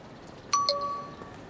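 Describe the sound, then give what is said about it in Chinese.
A phone's message notification chime for an incoming text message from Xiaobei: two quick bright ding tones, the second slightly lower, ringing out briefly over a quiet background with no talking. “是小北发来的信息。”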